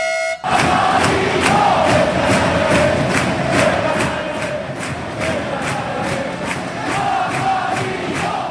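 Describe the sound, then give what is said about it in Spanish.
A large crowd of sports fans, supporters of a yellow-and-black (aurinegro) team in Madrid, chants and roars continuously, with a steady rhythmic beat of claps or drums and horn-like tones blaring through the dense, loud wall of voices. “Alguno tal vez habrá escuchado a los pocos aficionados aurinegros que estaban allí en Madrid, puede ser, y que a lo mejor sonara esto en su cabeza, puede ser, a ver.”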